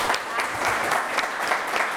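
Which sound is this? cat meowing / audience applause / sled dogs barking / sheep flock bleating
audience applause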